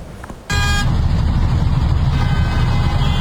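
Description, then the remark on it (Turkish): A car drifts through city-centre traffic in Ankara, Turkey, its engine roaring loud after a brief honk, with a steady wash of road noise continuing to the end. “Ankara'da şehrin merkezinde trafiğin ortasında drift atıyorlar.”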